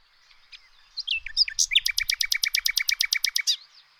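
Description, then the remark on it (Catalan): A common nightingale sings clear: a few varied whistled notes, then a rapid, loud series of about fifteen repeated sharp phrases in steady rhythm, ending abruptly. “Un ocell mal de veure, però amb un cant vigorós i musical.”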